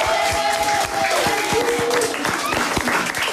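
An audience gathered to support students and teachers playing a game applauds loudly with dense, steady clapping, joined by scattered cheers and a few raised voices calling out over the noise.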